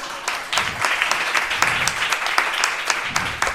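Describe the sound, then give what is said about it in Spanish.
An audience at a school applauds steadily, a dense crowd of claps with sharp individual hits standing out, holding a fairly even loudness throughout without any talking over it. “¡Un aplauso!”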